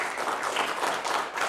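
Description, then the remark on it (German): Steady applause from a group for the lead actor of an animated film, a worm, a dense wash of overlapping hand claps at even loudness throughout, with no voices on top. “Applaus für den Hauptdarsteller!”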